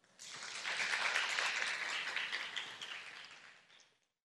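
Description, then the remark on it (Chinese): An audience at a school opening ceremony applauds steadily for about four seconds to thank Master Yuande and all the attending guests. A dense wash of many hands clapping at once swells quickly, holds, then tapers off near the end with no voices. “让我们再次以最热烈的掌声感谢袁德法师与所有与会贵宾的开示与祝福。”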